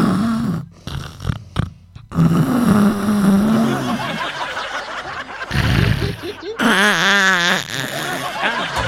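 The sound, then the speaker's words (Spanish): Loud, rasping snores repeat in uneven bursts, likely a person imitating snoring, with chuckling and voices breaking in and a wavering vocal sound near the end. “Póngale nomás a los ronquidos.”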